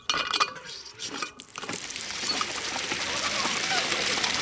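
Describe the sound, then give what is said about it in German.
After a few light clinks, a water pump starts up a fountain, and a steady rush of splashing water fills the rest, continuous. “Eine Wasserpumpe und ein Wasserspiel im...”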